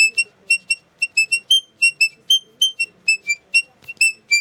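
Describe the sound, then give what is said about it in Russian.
A small Saratov garmon, a button accordion fitted with little bells, plays quick, squeaky high-pitched notes in a steady bouncing rhythm, each short note piping brightly like a little bird, with no voices over it. “Она больше пиликает, да? Так? Да. Она как маленькая птичка.”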